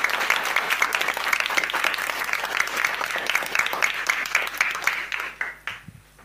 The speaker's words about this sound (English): A round of applause.